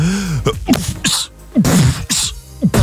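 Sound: beatbox-style rhythmic sneeze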